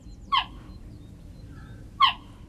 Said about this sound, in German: Klingt wie ein Vogel, ist aber eine Raubkatze. Geparden können nicht brüllen wie Löwen, stattdessen zwitschern sie. Denn wer wie ein Vogel klingt, wird von anderen Tieren in der Savanne vielleicht nicht so schnell erkannt.